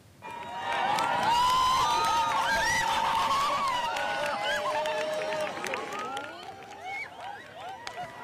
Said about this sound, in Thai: เสียงเชียร์ของผู้ชมจำนวนมากนะคะที่เฝ้าติดตามปรากฏการณ์สุริยุปราคาเต็มดวงในสเปนก็ดังกึกก้องขึ้นเมื่อสักครู่นี้เป็นจังหวะที่ดวงจันทร์โคจรผ่านกลางระหว่างโลกและดวงอาทิตย์ค่อยๆบดบังแสงอาทิตย์ที่ส่องมายังโลกเป็นการชั่วคราวนะ